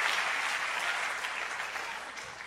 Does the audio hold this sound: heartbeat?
no